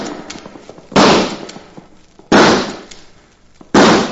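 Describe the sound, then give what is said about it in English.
Three loud rifle shots ring out at roughly even intervals while hunting wild turkeys, each a sharp crack followed by a fading, rumbling tail, with no voices in between. “Shot 4 times and only got 2 birds.”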